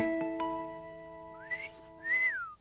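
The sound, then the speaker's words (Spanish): Someone whistles two short sliding phrases, the first rising quickly and the second swelling up and gently falling, over a soft, steady musical backdrop with no talking. “Todos estaban silbando por una razón u otra.”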